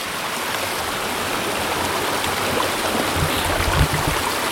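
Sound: flowing stream water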